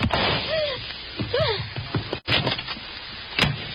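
door slamming shut

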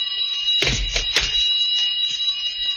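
alarm bell ringing

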